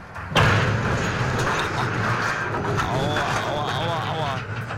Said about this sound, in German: Ja, so klingt es, wenn ein Frachtschiff bei Niedrigwasser einen Anleger rammt und abreißt.